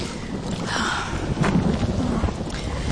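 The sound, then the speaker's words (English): Steady rain pours down while low thunder rumbles throughout, swelling into a louder roll near the middle; dense with no voices. “Oh, it would rain.”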